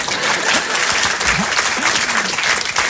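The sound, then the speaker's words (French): Steady applause from a sizable audience, a dense continuous patter of many hands clapping, with a few faint voices calling out beneath it. “Et lorsque c'est un bon public, il applaudit.”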